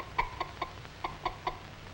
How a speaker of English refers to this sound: This fussy old hen doesn't like to have cats and kittens around.